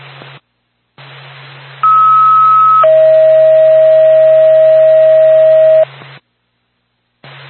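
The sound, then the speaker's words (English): A two-tone pager alert from NORPAC dispatch for Whitefield Ambulance over radio static: a steady higher tone holds for about a second, then drops to a lower pure tone held for roughly three seconds, loud and unbroken. “NORPAC, Whitefield Ambulance, standby for tone.”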